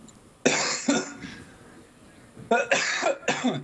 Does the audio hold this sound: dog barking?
no